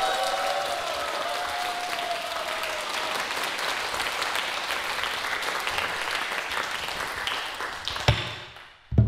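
An audience claps steadily in a dense, even burst of applause, with a faint tone fading early on, before the clapping tapers off abruptly near the end with a couple of sharp knocks.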